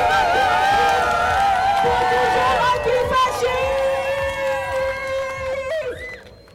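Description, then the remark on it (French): A loud protest crowd in Saint-Étienne, France, shouts and cheers together, many voices overlapping in a dense, sustained roar of slogans about Gaza and pinkwashing and whoops that stays strong before easing slightly at the end. “Bon, avec toute cette bonne ambiance, tous ces slogans, tous ces cris, toute cette force, on a quand même oublié de vous raconter que en fait, on fait pas tout ça pour rien et qu'il y a des vraies raisons de crier haut et fort qu'on est là.”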